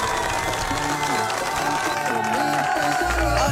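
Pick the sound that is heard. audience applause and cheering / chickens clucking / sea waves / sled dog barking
audience applause and cheering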